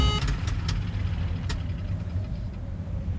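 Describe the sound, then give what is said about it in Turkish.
A low, rumbling aircraft engine, losing power, drones steadily, with a few sharp clicks near the start and one more partway through; no voices. “Yağ basınç ikazı yandı. Güç kaybediyoruz.”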